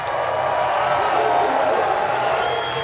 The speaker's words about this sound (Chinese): 最后冯阿尔门是1分25秒32，连对手都在为他鼓掌啊。